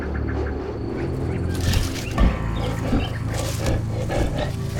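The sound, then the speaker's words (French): A lion crossing a plain growls and roars in a low, rough, rumbling voice, swelling louder after a quieter start and continuing in grating bursts with no one speaking. “Quoi ? Mais, ma foi, un lion !”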